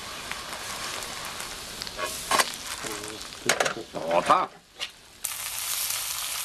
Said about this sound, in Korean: 직접 키운 채소로 노릇노릇 바삭바삭 구워낸 부침개.